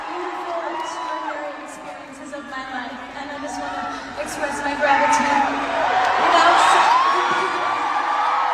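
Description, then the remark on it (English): A large crowd of fans at the last of ten London concerts cheers and screams continuously for the singer as she says goodbye on stage at the end of her tour, with high whoops and shrieks rising over a dense roar that swells louder toward the end; her voice underneath is buried in the noise. “I can't really hear her there because everyone was cheering so much for her, but she did cry.”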